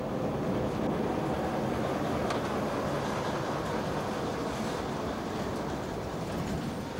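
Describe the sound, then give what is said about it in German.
A vintage railcar, setting out in the morning, rolls along the track on its first metres towed by a shunting locomotive, a steady rumble of wheels and engine that holds an even loudness throughout, with no voices. “Ein Oldtimer auf Schienen, der morgens pünktlich zum Dienst antritt. Auf den ersten Metern noch gezogen von einer Rangierlok.”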